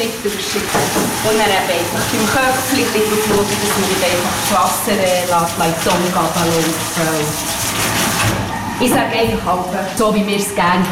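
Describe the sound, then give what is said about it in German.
Shower water sprays steadily and loudly throughout, a continuous hiss, as a dog is washed and wetted starting from behind, while a person talks over it the whole time. “Und dann gehen wir eben mal waschen. Dann ja auch von hinten an mit annetzen, nicht einfach voll drüber ab.”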